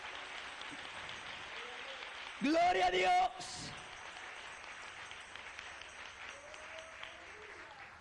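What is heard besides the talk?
audience applauding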